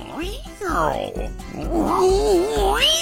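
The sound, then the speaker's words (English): A cat meows several times in quick succession, the last cry a long, wavering, drawn-out yowl, fairly loud with nothing else behind it. “Meow.”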